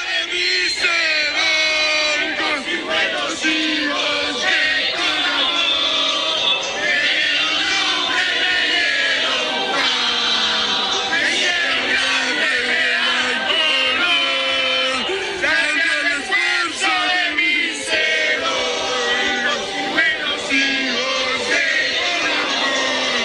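A large crowd of Pereira citizens, rescuers, firefighters, civil defense and police sings the Pereira anthem together amid a tragedy, at times a cappella, at times with a loudspeaker, many voices blending into a loud, sustained chorus with shouts and yells rising over the melody, steady throughout.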